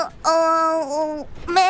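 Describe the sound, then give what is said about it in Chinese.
A person imitates a sheep's bleat with two drawn-out, wavering "baa" sounds, the first long and steady, the second starting after a short gap. Both are fairly loud and high-pitched. “哎呀，我这是学羊叫。”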